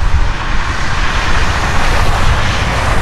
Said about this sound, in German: Tja, das ist leider nicht das Meer, sondern die Straße.